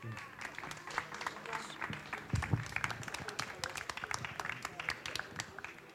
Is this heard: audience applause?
yes